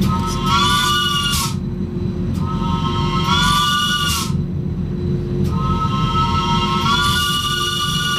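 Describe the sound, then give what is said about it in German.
A rack railway locomotive climbing a steep incline sounds its horn in three long, steady blasts with a hissing edge, over the continuous low rumble and clatter of the running train. The line opened in 1893 and the locomotive dates from the end of the 19th century. No one speaks. “der drückt jetzt nochmal auf die Lokkupe.”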